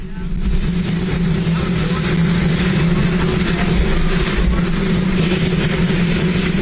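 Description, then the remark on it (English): A loud, steady helicopter roar with a deep, droning rotor hum that never lets up, at the unveiling of a White House helipad, while President Donald Trump speaks indistinctly beneath the noise. “It's like sort of, it's like when you choose to sleep with like rain noise, but like hot helicopter noise.”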